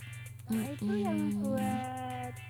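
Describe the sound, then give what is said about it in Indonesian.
A cat meows in a drawn-out, wavering call that rises and then slides down, over a steady low electrical hum. “Kucingnya nakal nih.”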